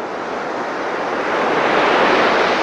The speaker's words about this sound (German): Das Rauschen von Wellen. Und schwupps steht man mit am Strand, schaut über das weite Blau und schmeckt die salzige Luft auf den Lippen.